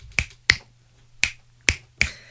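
Five sharp finger snaps in an uneven rhythm, each a crisp, bright crack with a quick decay, standing alone over a faint low hum with no talking.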